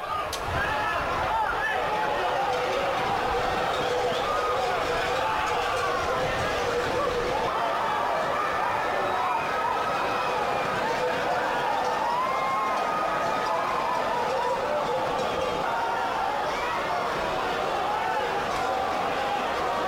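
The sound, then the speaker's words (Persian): A dense, continuous crowd din of hundreds of people shouting and chattering while running with released bulls through narrow town streets on the second day of a festival, with scuffling footsteps and commotion throughout, loud, like a street stampede. “در دومین روز از این جشنواره صدها ماجراجو با آغاز رهاسازی گاوهای نر با تمام توان در کوچه‌های باریک شهر دویدند.”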